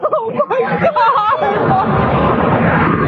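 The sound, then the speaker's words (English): Excited voices cry out briefly, then an explosion at the World Trade Center towers, on the far side of one of the buildings, rolls in as a loud, sustained rumbling roar that reverberates and lingers, drowning out the talk. “not sure exactly what happened, but it was another explosion on the far side of one of the buildings from where we're standing.”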